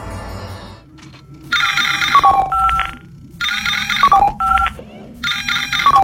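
An electronic emergency-call alert aboard the spaceship Zorar rings in three loud, repeated bursts with bright warbling tones and short pauses between them, with no voices over it.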